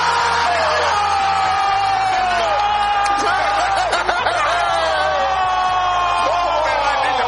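A loud, sustained roar from a big crowd celebrating a goal by Ferran Torres that gave Spain victory in a football match, with whoops and shouts rising over the dense cheering for the whole stretch, without a break.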